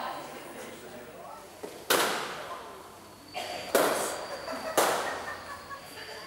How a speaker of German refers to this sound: Also ich meine, schon mir geht es zumindest so, wenn ich einen Luftballon zerplatzen lasse, dann wartest du auf den Knall, aber du weißt ja nicht, wann kommt es jetzt, wann Druck ist so fest oder wann ist es.